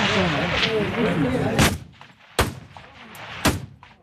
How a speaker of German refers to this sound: Eindruck vom 300-Meter-Schiessstand in Chur. Das eidgenössische Schützenfest hat also angefangen.